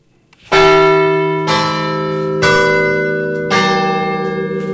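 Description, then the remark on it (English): A new radio station jingle of 103.1 5EBI FM, played at 11 o'clock news time: four bright, bell-like chime notes struck about a second apart, each ringing on and overlapping the next in a sustained, resonant melody with no voices. “Oh, that's a new jingle.”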